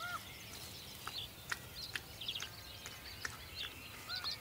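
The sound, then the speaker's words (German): A white-tailed eagle and ravens squabbling over the best pieces of a rolled roast: scattered high, thin bird calls and short harsh cries overlap irregularly, with occasional sharp clicks over a faint, steady background hiss. No one speaks. “Ein Seeadler, der größte Greifvogel Mitteleuropas, streitet sich mit Raben um die besten Stücke.”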